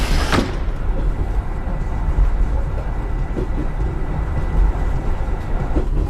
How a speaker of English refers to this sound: 各位旅客，长阳站即将到了，请带好自己的随身物品，准备下车。Dear passengers, we are arriving at 长阳 train station. Please take your belongings and get ready to get off.